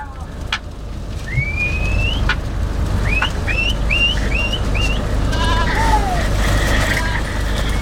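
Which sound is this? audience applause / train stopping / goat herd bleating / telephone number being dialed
goat herd bleating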